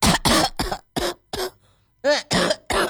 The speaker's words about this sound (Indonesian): Wow, kamu batuk.